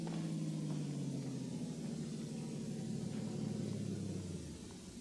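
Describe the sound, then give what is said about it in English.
A car engine rumbles steadily, its low hum slowly dropping in pitch as the car slows and stops out front, then cutting out near the end as it comes to a stop. “Car coming.”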